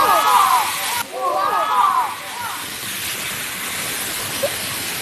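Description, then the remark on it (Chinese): A loud, steady electrical discharge from an exhibit demonstrated by a staff member crackles and sizzles throughout, dense like fireworks or static, with brief voices talking over it during the first couple of seconds. “现在就是放电的一个现象了。 这个声音已经大到有点像放烟花的那种声音了，是不是？”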